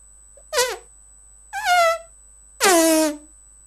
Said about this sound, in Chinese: 什么声音这么响？人们吓坏了，以为是台风来了。啊，原来是宝贝猪在打呼噜呢。